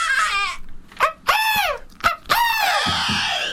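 Shrill whistling into a microphone comes in four loud bursts, each sliding up and down in pitch with a harsh, squealing edge, the last one trailing into noisy hiss.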